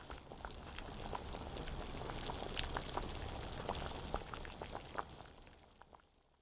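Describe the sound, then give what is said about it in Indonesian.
Water with chicken in it simmers in a pot over low heat, a steady soft hiss broken by scattered small pops and bubbling blips at an irregular rhythm, fading slightly at the end. No voices. “Masaklah dengan api kecil hingga muncul gelembung-gelembung air yang menggelegak sedikitnya di 3 titik.”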